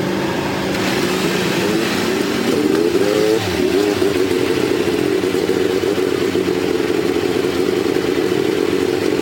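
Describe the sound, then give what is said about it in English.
Several race car engines at Indianapolis roar to life together on the command to start engines, revving in rising and falling pitch sweeps before settling into a loud, sustained mechanical drone with rattling clatter underneath. “Generations of the Holman George family on hand to give the command to start engines.”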